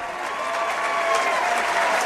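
A large crowd at a baseball game between Little Rock and Troy applauds steadily after the third out, heading into the ninth inning, a dense wash of clapping and cheering that stays loud and even throughout, with no distinct voices standing out.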